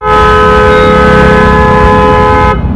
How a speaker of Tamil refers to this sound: என்னென்ன காது பிஞ்சிடும் போல இருக்கு, இப்படி ஹாரன் அடிக்கிறாங்க, பா கேட்கவே ஒரே கடுப்பா இருக்குனே.